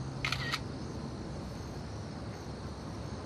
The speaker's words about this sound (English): She pulls out her cell phone and takes a picture.